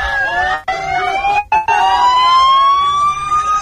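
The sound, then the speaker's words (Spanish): A Red Cross ambulance siren, just activated, wails loudly as the ambulance passes in Ceuta, its steady rising tone sustained throughout, briefly cut by two short dropouts. “Y ahora vemos, bueno, vamos a escuchar como una ambulancia de Cruz Roja se acaba de activar, así que se ha tenido que dar alguna situación de emergencia.”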